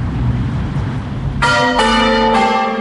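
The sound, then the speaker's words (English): Church bells ring out in three quick overlapping strikes, their rich, resonant tones sustaining loudly after a brief stretch of low rumbling background noise. “While making the story, I had two long interviews with my mum where we talked about bell ringing”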